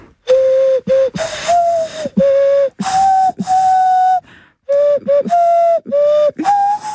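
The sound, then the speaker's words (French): A person imitates a turtle dove, making a series of breathy, mid-pitched hooting coos in two bursts with a short pause between, some notes sliding slightly upward. No one speaks. “Mon talent caché, imiter le bruit de la tourterelle.”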